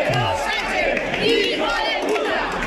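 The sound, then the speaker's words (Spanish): A large crowd of hundreds of protesters in Spain shouts "¡Invasión!" in unison, interrupting a manifesto read by the mayor, a steady, loud chant of many voices rising and falling together without pause, with no single speaker standing out. “Es un grito, un cántico que se ha repetido en buena parte del país.”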